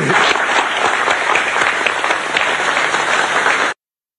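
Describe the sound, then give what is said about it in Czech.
A dense burst of applause from a crowd, steady and loud for several seconds before stopping abruptly, with no one speaking over it. “Tak já myslím, že si zasloužilo potlesk.”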